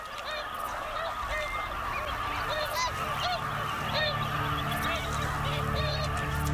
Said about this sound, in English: There are thousands of new geese greeting the world.